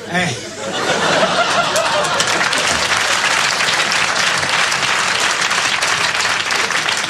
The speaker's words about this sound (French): Applaudissez les conneries, on n'a pas fini.